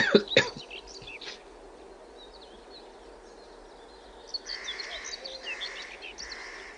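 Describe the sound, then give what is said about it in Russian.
An oriental cuckoo calls in a steady repeated series of hollow notes in the second half, over a busy outdoor chorus of other birds and frogs, after a few sharp knocks at the start. “Почему она называется глухая кукушка? По-моему, так же ку-ку.”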